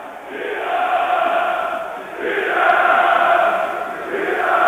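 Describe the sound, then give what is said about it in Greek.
A large crowd of Heracles fans roars and applauds at the Volos vs Heracles football match as the ball reaches goalkeeper Athanasiadis in the 77th minute. The noise rises and falls in broad swells over several seconds with no individual voices standing out. “Η μπάλα περνάει από όλους στην αγκαλιά του Αθανασιάδη υπό τα χειροκροτήματα και τις επιθυμίες των φιλάθλων του Ηρακλή.”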